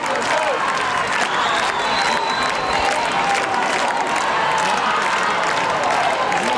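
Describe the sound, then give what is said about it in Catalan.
A large crowd at a religious gathering welcoming the Virgin of Montserrat applauds and cheers loudly and steadily, keeping the speaker from continuing. The dense clapping is sustained without a break, with scattered shouts and voices mixed into the roar. “Aplaudiments de la gent que no el deixen continuar.”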